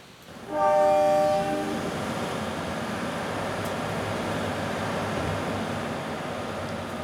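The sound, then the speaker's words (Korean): At a train station, a loud train horn blares near the start, its stacked tones sounding for about a second, followed by the steady, rumbling roar of a train rolling past. No one speaks. “17살 여름 금방 온다던 엄마도 할머니도 안 오고 멈췄다 떠나는 기차를 바라보면서 두 주먹을 꽉 쥐고 앉아 있었어.”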